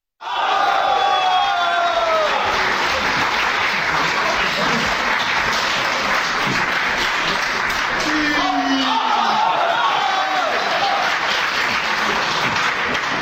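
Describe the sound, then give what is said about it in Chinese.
An audience applauds steadily and loudly for over ten seconds to welcome Guo Degang and Yu Qian performing the crosstalk piece 'Henan Opera' (河南戏): dense clapping mixed with scattered cheers and whistles, with a few voices shouting out above the applause. “来听一段郭德纲和于谦合说的相声《河南戏》，咱们掌声有请。”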